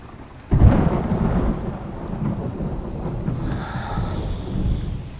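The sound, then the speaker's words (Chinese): A sudden crack of thunder breaks out and rolls into a long, deep rumble that lingers for several seconds, loud, with a faint hiss of wind or rain beneath, as rain is about to fall. “没事，天要下雨。”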